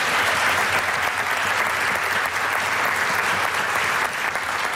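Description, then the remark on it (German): A big, sustained round of applause from many hands for a Low German (Plattdeutsch) language group, a dense steady clatter of clapping that stays loud and even for several seconds with no voices rising above it. “Das ist nur der große Applaus für die Token von der plattdeutschen Sprache.”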